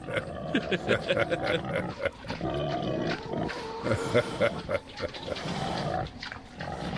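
A pig snoring, with a steady run of rough, throaty snorts and grunts repeating, fairly loud and continuing throughout with only brief pauses.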